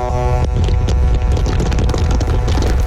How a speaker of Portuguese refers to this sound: Nossa, cara, esse aqui, os caras deu uma buzinada legal, hein, gente, ó.